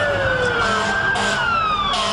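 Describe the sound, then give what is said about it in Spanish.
A loud alarm siren wails steadily for about two seconds, its tone gliding slowly downward in pitch over a constant rumble. Nobody speaks. “Y a escucharlo, alarma”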